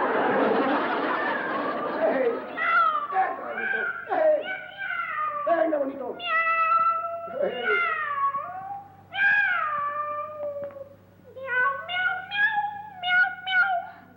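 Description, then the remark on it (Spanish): A string of drawn-out, wavering cat meows comes in quick succession, loud, after a brief spoken exclamation at the start. Several calls rise and fall, with a burst of shorter cries near the end. “¿Cómo araña el gato a tu papá?”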